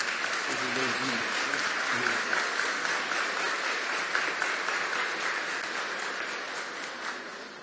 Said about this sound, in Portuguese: A ele, aos sacerdotes e seminaristas que aqui estão, nós acolhemos com uma calorosa salva de palmas.